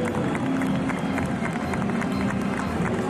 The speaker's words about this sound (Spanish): Y en cuanto notéis, escuchéis los aplausos, deduciréis que ya han aparecido. Ahí están. Mira, ahí están. Ahora salen.